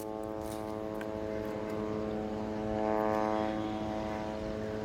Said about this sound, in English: Well, it's continuous. The drones buzzing in the sky are continuous, and the attacks against the Palestinians in the Gaza Strip continue.